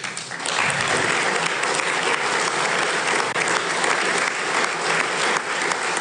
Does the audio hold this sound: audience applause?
yes